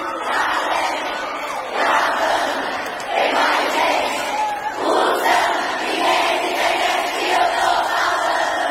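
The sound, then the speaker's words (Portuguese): A large crowd at a live show sings and shouts together in loud, continuous surges, swelling in waves every second or two with no clear lead voice. “Mais forte, vai!”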